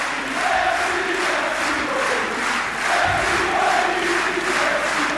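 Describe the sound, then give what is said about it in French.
A large tennis crowd at Roland-Garros roars and cheers in a sustained, dense standing ovation for French player Moïse Kouamé, with layered shouting and applause-like noise holding steadily loud throughout and no clear speech. “Écoutez le public, l'ovation du public.”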